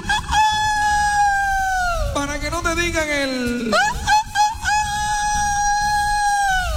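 A rooster crows loudly and close by in drawn-out, strained calls. The pitch dips sharply in the middle before the crowing rises again and holds steady to the end.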